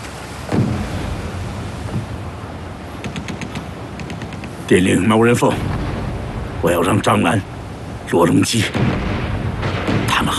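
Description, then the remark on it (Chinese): Heavy booms of artillery and bursts of gunfire roll through a rumbling battle scene, several loud blasts landing in quick succession, with voices faintly mixed into the chaos. “真是可气，他们对父亲阳奉阴违，这枪声一响，全都倒戈到共产党那边去。”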